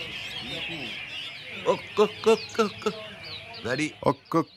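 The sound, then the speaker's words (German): Many songbirds chirp and twitter continuously at an outdoor songbird concert, a busy overlapping chorus, while the birds' owners talk in the shade in short bursts over it. “Während die Vögel zwitschern, fachsimpeln die Besitzer im Schatten über die perfekte Technik eines echten Meistersängers.”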